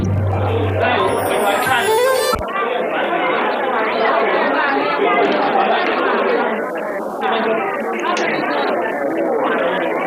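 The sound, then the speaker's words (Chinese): A large crowd by the river near the Guishan TV Tower in Wuhan, Hubei, cheers and screams after a fireworks show, in a dense, continuous roar of many voices, with excited shouts rising over the steady din throughout. “观众朋友们，刚刚的烟花秀看得让人心潮澎湃，现在瓦尔畔的欢呼声和尖叫声还是此起彼伏”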